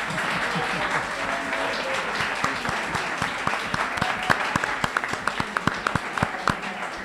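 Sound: applause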